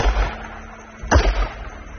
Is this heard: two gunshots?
yes